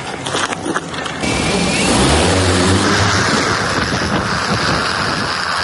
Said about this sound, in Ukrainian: До переднього краю важкий дрон летить у кілька етапів. Спочатку на проміжну точку, там йому замінять батареї, і вже звідти він полетить безпосередньо до бійців.